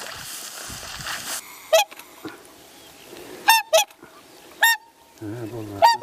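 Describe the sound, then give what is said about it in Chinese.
Loud, brassy honking calls from a swan family at a wetland, where the male swan spreads its huge wings in a fighting posture; several separate bursts spaced irregularly over a few seconds, like swans trumpeting against a low background rumble. “他说，天鹅虽然表面温和，但发起怒来，巨大的双翅能将人击伤。”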